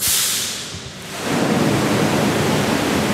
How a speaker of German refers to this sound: Es funktioniert. Aus vier dicken Rohren strömt Wasser in die Tiefgarage. Hunderte Kubikmeter in wenigen Minuten.